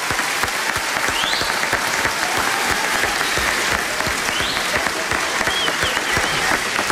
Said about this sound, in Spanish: Un aplauso para Rafael.